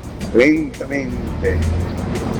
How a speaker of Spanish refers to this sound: El trancón es grandísimo aquí de la 72 con 43 hasta la 87. Esto va lentamente.